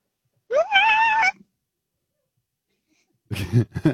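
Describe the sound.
A person vocally imitates an elephant seal on a roller coaster: a loud, nasal, rising wail lasting under a second, a pause of silence, then a second rougher, lower bellowing burst.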